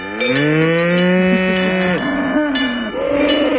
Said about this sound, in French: Et là, ce sont les vaches qui vont monter.